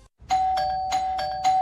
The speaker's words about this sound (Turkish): Bir susmadı bonusluların zilleri. Ding dong ding dong. Durmadan kargo geliyor.